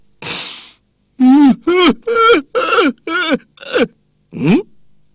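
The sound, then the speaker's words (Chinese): A man's voice imitates loud weeping outside Yan Song's bedroom door: a breathy sob followed by a string of six or seven wailing, pitch-bending cries in a steady rhythm, with no other talk. “开始严嵩没听清楚，可是外边这个哭声是越来越大呀，他心烦了，咕噜一下爬起来了。”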